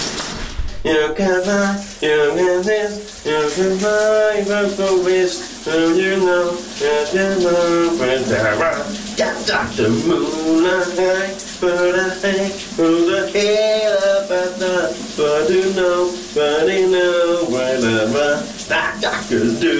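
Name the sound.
shower running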